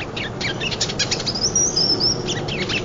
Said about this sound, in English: These birds won't be moving through much longer.